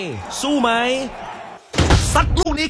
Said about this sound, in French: Mais sous le regard un peu anxieux et encourageant de sa femme et son fils, il referme la porte sans y toucher.